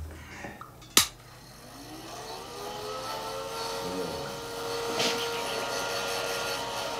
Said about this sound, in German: Und jetzt verpasse ich dem hier noch eine flotte Föhnfrisur. Totschick.